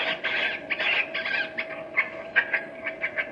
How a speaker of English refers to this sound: Now then, lunch time. Gotta get this sack open here. Lunch time, little birds. Boy, they sure are hungry.